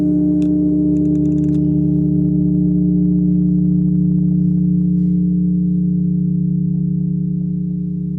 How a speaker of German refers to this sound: 15 Tonnen schwer ist Credamus. Eine Glocke für das neue Geläut im Magdeburger Dom. Credamus bedeutet, lasst uns glauben. Und so klingt sie.